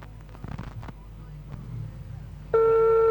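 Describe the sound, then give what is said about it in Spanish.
A telephone ringing on a call: a steady, loud electronic ring tone cuts in abruptly near the end, following muffled background noise and faint murmuring. “Está sonando ahí el teléfono.”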